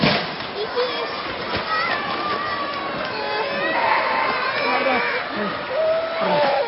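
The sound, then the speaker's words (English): Objects clatter and crash down from shelves in bursts inside a retail warehouse during the 7.1 magnitude earthquake in Kumamoto prefecture, while children cry and wail and a crowd of voices clamours throughout, a loud, chaotic, continuous din. “The sound of items falling off shelves and children crying inside a retail warehouse.”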